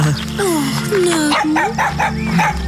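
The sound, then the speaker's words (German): A very small dog wearing a collar yips and whines in a quick series of high, rising cries, fairly loud, over a steady low background hum. “Keine Angst. Es ist nur ein sehr kleiner Hund.”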